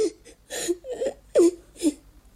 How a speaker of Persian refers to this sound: به تو چی شد؟ چرا گریه میکنی؟